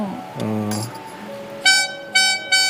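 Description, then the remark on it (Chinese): A small toy horn, one of a pile of toys occasionally used as musical instruments in concert, gives three short, bright, nasal toots in quick succession near the end, preceded by a brief voice-like hum and softer tones, all fairly loud. “这边一堆玩具，像小喇叭。”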